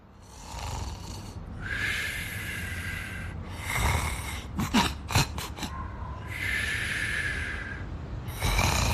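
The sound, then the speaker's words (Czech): A person snores while asleep: long, raspy inhaled snores repeat in a slow rhythm, broken midway by a quick run of short snorts, with no talking. “Hrkao si i mahao repom ko kućni pas.”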